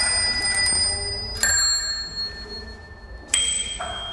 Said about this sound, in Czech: Tak to je zvonkohlas z našich kol na naší nové výstavě a je to výstava, kterou vlastně uspořádáváme kvůli závodu etap Tour de France, které se tady pojede 20. června.